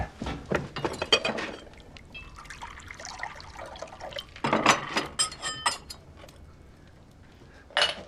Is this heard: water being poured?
yes